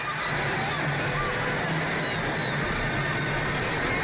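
Horses of the mounted Royal Guard pass by as King Felipe VI and the Spanish royal family arrive, amid the steady, dense roar of a large outdoor crowd, with a faint whinny rising briefly over the constant background noise.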